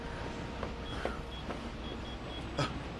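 A car roars in, speeding toward the speaker, its steady, loud engine rumble filling the scene and surging sharply near the end as it closes in. No one speaks.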